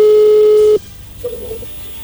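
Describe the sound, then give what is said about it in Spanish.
A telephone ringing tone: one loud, steady, mid-pitched beep lasting under a second that cuts off abruptly, followed by a faint, brief trace of tone and quiet line noise. “¿Le va a llamar el lobo o no haga ruido? Ahí entró la llamada.”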